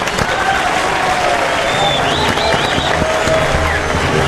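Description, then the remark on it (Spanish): Steady, loud applause from a crowd in the Cadena 3 Argentina studio welcoming the cooks, dense clapping filling the whole stretch without pause, with faint whistles and voices mixed into the noise. “Los cocineros, un aplauso para recibirlos.”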